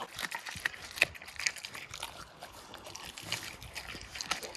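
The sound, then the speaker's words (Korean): A dog with wolf blood crunches and chews raw chicken with bones, wet cracking and snapping sounds arriving in a steady, irregular stream with a few sharper crunches and no talking. “뼈째 씹어먹는 생닭 ASMR.”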